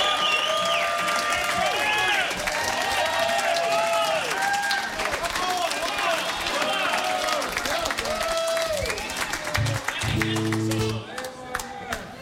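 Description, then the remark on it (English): A large concert crowd claps and cheers loudly and steadily, with whoops and high shouts rising over dense applause. A brief low musical tone sounds near the end as the noise begins to thin. “Man, what a great crowd.”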